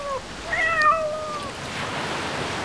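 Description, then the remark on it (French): A single drawn-out meow from a cat under a blossoming cherry tree in Japan rises and falls clearly over a steady wash of background noise, like surf or rushing water, with no talking. “Ici, il existe même une île où il y a plus de chats que d'êtres humains.”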